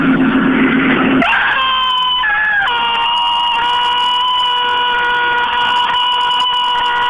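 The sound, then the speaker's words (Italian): A loud, piercing scream from a woman during an exorcism prayer: one long, unbroken shriek that jumps up in pitch near the start and then holds steady for several seconds, with no talking. “Avete sentito questo urlo di demonio?”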